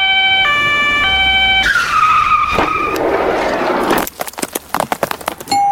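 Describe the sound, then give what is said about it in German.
A fire engine siren alternates between two steady tones, then slides into a wailing sweep, followed by a loud screech of skidding tyres and a burst of sharp, rattling crashes. “Hallo, machen Sie bitte auf. Hier ist die Feuerwehr.”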